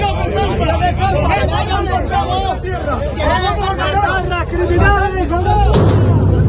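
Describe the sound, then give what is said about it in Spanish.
A loud crowd shouts and clamors in a tense street scene during a clash between a group and local residents, then a single sharp gunshot, fired into the air by police, cracks out near the end over the agitated voices. “La policía ha realizado disparos al aire.”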